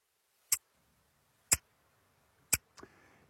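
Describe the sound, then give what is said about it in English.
A wristwatch ticks, three crisp, loud clicks evenly spaced about a second apart, followed by a fainter, softer tick trailing off at the end. “That sound would be the ticking maybe of your father's watch when you put it next to your ear.”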